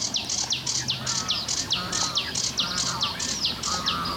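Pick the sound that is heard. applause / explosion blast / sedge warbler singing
sedge warbler singing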